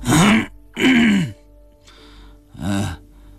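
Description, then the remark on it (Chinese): Two loud, drawn-out vocal exclamations from an old man who has been sitting drooling in a chair, a brief pause, then a short throaty cough, likely a voice imitating the sounds. “啊了一声，又咳嗽了一下。”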